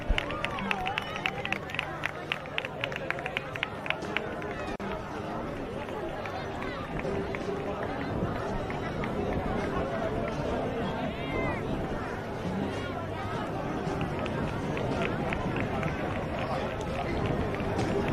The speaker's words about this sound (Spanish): Y ahí están viendo en pantalla, pues ya este caballo número uno de la cuadra Lion Norris acercarse a este recinto de las piletas. Escuchamos al público aplaudiendo su llegada.